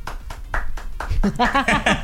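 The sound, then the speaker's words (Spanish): About five sharp hand claps land in a steady, quick rhythm as the hosts of a comedy radio show applaud themselves, then a voice starts talking as the clapping fades out. “Entre nosotros nos aplaudimos, mi team, y no pasa sí, nada.”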